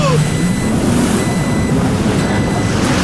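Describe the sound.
Thin electronic warning beeps cut through a loud, steady roar of engine and rushing water, with muffled voices faintly underneath.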